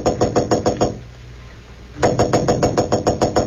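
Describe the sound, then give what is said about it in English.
Rapid, steady knocking by Clark Kent on the door of room 911 at the Marlboro Hotel in Marsden City, two bursts of quick raps separated by a brief pause, fairly loud with no voices. “Roebling aboard a Metropolis-bound train to room 911 at the Marlboro Hotel in Marsden City, Clark Kent was about to knock at the door when suddenly he blanched.”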